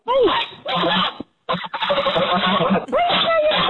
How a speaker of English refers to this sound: That's the old goose. That's right. Young goose, rather. You remember. Oh, yep, there you go. Mm-hmm. There it is again. So now, listen to her now.